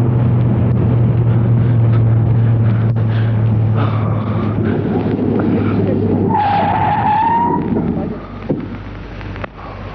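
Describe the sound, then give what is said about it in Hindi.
A car engine roars steadily, then tires let out a sharp squealing skid as the driver suddenly stops and switches off the car, and the noise drops away. Loud, with no talking. “तुम अचानक रुक क्यों गए? तुमने तो गाड़ी भी बंद कर दी।”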